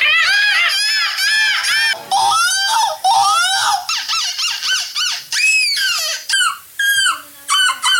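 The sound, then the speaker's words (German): Several people imitating seagulls at a European seagull-screeching championship in Belgium shriek in high, wavering, seagull-like cries, overlapping loudly in repeated rising-and-falling wails that fill the whole stretch with barely a pause. “Wenn du sonst gerade nichts zu tun hast, imitier doch eine Möwe.”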